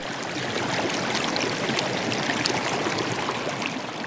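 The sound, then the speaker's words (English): Rapid Creek flows steadily through parks in the center of town, its water rushing and babbling in a constant, full wash of sound, with no voices present. “Rapid Creek winds through a series of parks that cut across the center of town, and depending on the season, between 50 to 150 people call this place home.”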